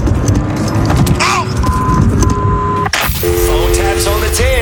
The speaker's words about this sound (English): Oh, this f***er started my car up.